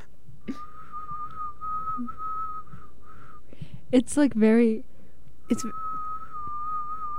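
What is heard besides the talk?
person whistling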